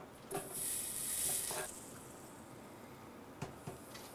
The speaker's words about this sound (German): Und wenn ich den selber mache, dann wähle ich die Blechdicke, in dem Fall 1,5 mm. Und der hat auch hier noch wesentlich mehr wie ein Millimeter und ist dann dementsprechend natürlich haltbarer. Und klar, wieder löten.